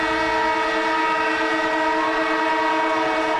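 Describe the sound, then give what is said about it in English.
A loud siren blares on 774 ABC Melbourne's afternoon radio show in one long, steady tone with rich harmonics, holding the same pitch for the whole stretch with no voices over it. “And the siren goes off, which means Cameron Ling, AFL legend, ABC sports commentator, is in the house with some breaking news, Lingy.”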